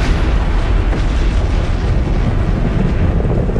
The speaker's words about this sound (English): The bomb was finally released exactly at the designated hour, and the explosion occurred as planned.